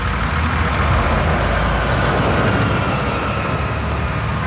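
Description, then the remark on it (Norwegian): A bus rumbles steadily through the busy streets of Belgrade, Yugoslavia, with Yugo and Lada cars rushing past; its heavy engine drone is continuous, with a dense wash of road noise and a faint higher whine over the low roar. “Bussen kjørte gjennom de travle gatene I Beograd, hvor Jugor og Ladar suste ved siden av dem.”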